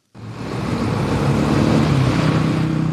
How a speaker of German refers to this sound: Ein riesiges Gelände, etwa so groß wie 6000 Fußballfelder. Baumaschinen ebnen den Boden, es ist heiß, Staubwolken wehen durch die Luft. Lastwagen transportieren Steine und Schotter.